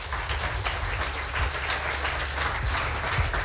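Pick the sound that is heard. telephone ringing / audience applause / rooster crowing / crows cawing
audience applause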